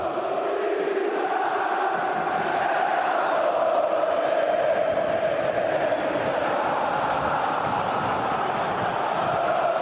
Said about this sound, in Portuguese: Time do Estudiantes em campo, Corinthians também, a torcida aqui da Neoquímica Arena já fazendo um esquenta maravilhoso. A torcida corintiana está muito presente, a Neoquímica Arena pulsa.